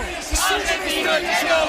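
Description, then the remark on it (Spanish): Football players, including Fabián, Borja Iglesias and Rodri, shout and chant "argentino, el que no vote" together in celebration, jumping in the front row, loud and steady with rising, overlapping voices and occasional sharp bursts of yelling throughout. “Gritos de argentino, el que no vote, y Fabián, Borja Iglesias, Rodri, todos salen a saltar en primera fila.”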